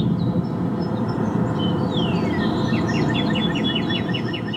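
A northern cardinal's main song over a steady rush of background noise: a long, clear down-slurred whistle, then a quick run of repeated sharp chirping notes, moderately loud.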